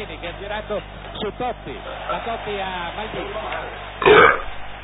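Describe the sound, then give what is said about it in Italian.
A loud burp erupts near the end, a single rough belch after a stretch of someone talking over a low background hum, during an Italian live radio broadcast of the Euro 2000 final, Italy vs France. “Il vostro ruttatore di fiducia.”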